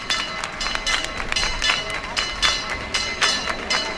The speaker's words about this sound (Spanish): pues la Virgen ha iniciado un recorrido por los alrededores de la ermita y ahora se está acercando, para la gente que conozca esto, a la Hermandad de Huelva, que ha levantado un arco delante de su casa hermandad. Están escuchando ustedes el campanil.